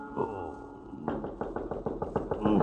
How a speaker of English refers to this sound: I am on my bed when I hear a knock on my door.